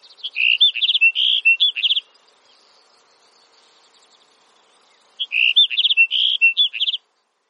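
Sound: sagebrush sparrow song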